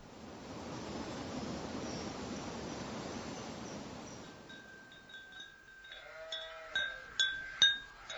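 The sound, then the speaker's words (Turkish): A few sheep bleat one after another as they are brought home, the calls growing louder, after several seconds of a steady, broad rushing noise, as the sky darkens before a storm. “Koyunları getirdim.”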